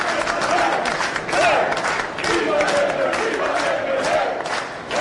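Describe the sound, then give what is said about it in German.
A large crowd of Labour party delegates cheers and shouts continuously at the vote-counting centre in Nashar, Malta, as the first partial election results are announced; voices rise in loud, overlapping pro-Labour chants with scattered clapping, a dense and energetic roar filling the whole stretch. “Jubel in Maltas Auszählungszentrum in Nashar, als die ersten Teilergebnisse bekannt gegeben werden.”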